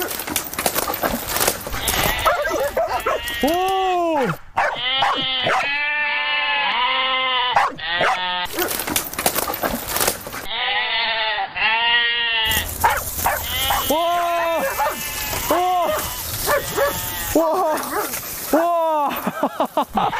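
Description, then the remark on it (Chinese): A flock of goats bleats over and over in wavering cries, loud, while the sheepdog Jiji barks sharply at intervals among them as the goats hold back from coming over; a person talks underneath. “你看，我们现在一只狗站在这儿，一群羊在我面前，他们根本就不敢过来。”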